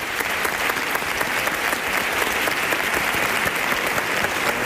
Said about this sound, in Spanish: Ovación del público puesto en pie, ¿eh?